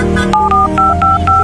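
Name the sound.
phone number being dialed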